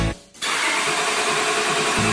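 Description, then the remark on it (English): A car engine cranks over with a steady, grinding starter whir that runs loud for a couple of seconds without catching, then cuts off abruptly as the vehicle stalls. No one speaks. “That sound never comes at a good time. When your vehicle stalls, skip the guesswork and head to CarQuest Auto Parts in Sumter.”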